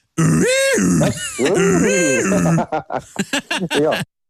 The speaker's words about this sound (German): Mach nochmal die Hupe.